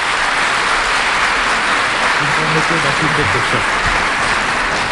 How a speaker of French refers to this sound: Vos applaudissements me font plaisir, mais j'explique toujours aux enfants le vrai sens de l'applaudissement quand nous sommes, dans une assemblée chrétienne.